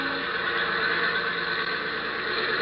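A small airplane engine runs roughly, sounding as though in trouble, a dense, raspy drone with a whining edge that holds at a steady loudness throughout, with no voices.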